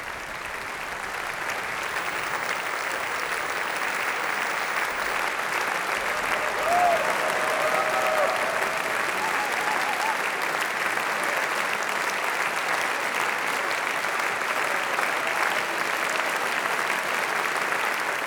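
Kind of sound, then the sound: crowd, concert audience applauding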